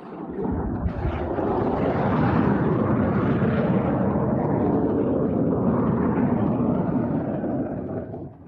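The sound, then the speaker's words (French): A loud jet roar swells in within the first second and thunders on steadily for several seconds as fighter jet pilots practice landing on a runway as they would on an aircraft carrier deck, with no voices heard. “ce que des pilotes d'avions de combat s'entraînent à atterrir sur la piste comme ils atterriraient sur le pont d'un porte-avions.”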